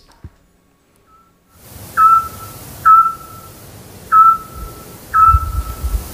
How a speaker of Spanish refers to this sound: Hombre, el autillo. Ah, muy bien, muy bien. Hemos hablado mucho de él en este programa. Claro, el pájaro submarino, ¿verdad? El que emite ese sonar tan característico.